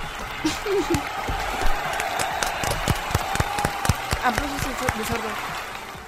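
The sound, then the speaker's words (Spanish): A small audience claps for several seconds after a story is read aloud, a steady patter of overlapping hand claps, moderately loud, with a few voices calling out and talking beneath it. “Un aplauso.”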